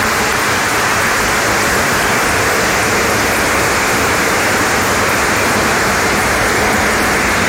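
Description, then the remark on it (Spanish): An audience applauds steadily for the children of the choir of the Universidad Católica del Maule and the Orquesta Pastoral, a dense, continuous wash of many hands clapping at a fairly loud, even level for several seconds, with no voices rising above it. “Les vamos a dar un aplauso a cada uno de ellos, de los chiquillos, de las chiquillas.”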